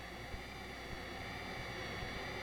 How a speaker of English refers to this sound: As well as enveloping, the synthesizer can also filter sound. Let's listen to how this jet noise can be altered when parts of it are filtered or removed.